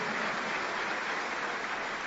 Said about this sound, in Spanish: Denle ese aplauso al Rey de Reyes y Señor de Señores. Alabe a Dios, glorifique a Dios, bendiga a Dios.